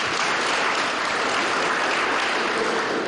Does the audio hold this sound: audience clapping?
yes